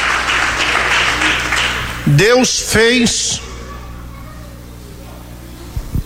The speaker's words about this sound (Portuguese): Se essas palmas é para Jesus, tem que ser as palmas mais avivadas. Vamos lá, igreja.